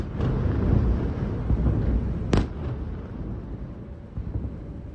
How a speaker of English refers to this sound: Sirens sounded just before midnight and were followed quickly by a number of explosions close to Kyiv.